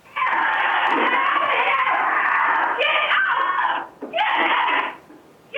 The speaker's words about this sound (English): Surveillance video shows the cougar latching onto the neck of Donnie, the Nigerian dwarf goat, as … races in, shouting at the big cat